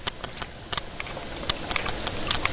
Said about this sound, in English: Sperm whale clicks are one of the most powerful sounds on the planet, louder than a jet engine.